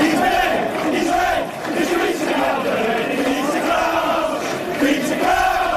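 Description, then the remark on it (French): A large crowd of English football supporters chants in unison about former Reds striker Peter Crouch, a loud, steady sing-song with rising and falling melodic phrases repeated over several seconds, voices massed together without pause. “Voilà, en substance, ce que lui chantaient ses supporters.”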